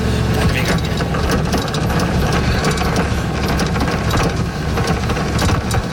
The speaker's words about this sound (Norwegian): Nei, men det høyt turtall på den mølla der, altså.